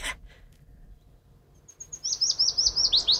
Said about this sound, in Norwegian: Den er liksom grå, og brun, veldig vanskelig å få øye på, og så gjemmer den seg inn i løvet. Så det er litt sånn frustrerende for oss fugleelskere. Løvsanger.